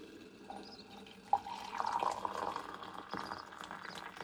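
Hot water is poured over apple peels in a container to make tea, in a steady splashing stream, rising sharply at first and then settling into a continuous trickle, fairly quiet, with no voices.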